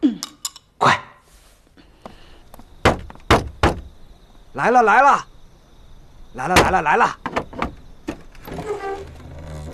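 A few sharp wooden knocks and thuds, then the door of a small blacksmith's shop creaks open late at night with a drawn-out, wavering groan. It is fairly loud, with some light shuffling afterward.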